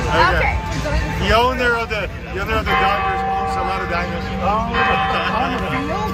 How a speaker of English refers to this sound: And then, you know, they're playing the bell and, hey, we're here in Padres. Right. You know, you can hear the PA and all that.